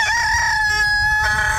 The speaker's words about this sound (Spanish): Le estoy colocando de todas las alarmas posibles. El gallito para que se levante.